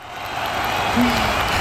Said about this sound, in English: And the crowd goes wild.